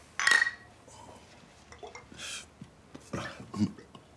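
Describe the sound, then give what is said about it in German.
Glasses clink together in a toast, one bright ringing chime near the start, followed by softer knocks and clatter of glassware with faint voices murmuring. “Prost. Prost.”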